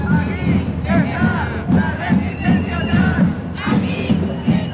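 A large crowd chants in unison at an LGTBI Pride demonstration in the Canary Islands, on World Pride Day. Voices rise and fall in a steady repeated rhythm of shouted syllables, loud and continuous, with a low rumble of wind beneath.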